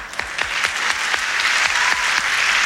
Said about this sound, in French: L'arbitre étant M. Ambrose Pérez, qu'on applaudit bien fort.